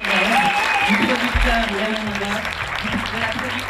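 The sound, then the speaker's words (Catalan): A large audience at the Cannes Festival claps steadily and loudly for actress Aina Clotet, who presented her debut film Viva, a dense wash of applause for the whole stretch with some voices faintly audible beneath it. “Anem d'una història d'èxit amb una altra, i sí, volem felicitar la protagonista que rebia aquests aplaudiments, aplaudiments per Aina Clotet, que es va endur ara fa uns dies al Festival de Canes, on va presentar la seva òpera prima, Viva.”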